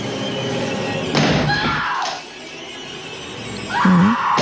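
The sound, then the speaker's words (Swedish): In a film scene, a man chops with an axe through a locked wooden bathroom door, with two heavy, splintering thuds about a second apart and a short high-pitched squeal near the end. The axe used in the film comes from director Stanley Kubrick's private collection. “Här hör vi hur han hugger med yxan i dörren.”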